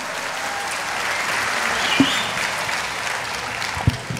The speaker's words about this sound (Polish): Brawa dla was wielkie! Brawa, Radomir Wit!